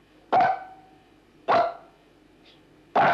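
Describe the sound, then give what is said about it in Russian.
A trained dog named Pashtet barks three times to count the dogs, at a steady, deliberate pace, each bark loud and sharp, separated by about a second of near-silence. “Посчитай, сколько у нас собачек? 2 собаки? А себя-то забыл?”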